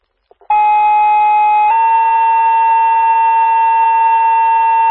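A loud, steady electronic fire dispatch tone alert for Lions fire and Ambulance 291: after a couple of quick clicks, one sustained pitch shifts abruptly to a second long continuous tone, harsh and buzzy with strong harmonics, no voices.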